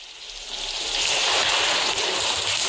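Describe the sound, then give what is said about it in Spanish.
Steady rushing water fills the scene, a broad continuous hiss that swells slightly and holds, as residents of a social housing block in Contrueces, Gijón, bail out floodwater after heavy rain of 59 litres per square metre, with no voices heard. “la lluvia irá hoy a menos después de un miércoles de fuertes precipitaciones con acumulaciones de 59 litros por metro cuadrado en Gijón y vecinos achicando agua.”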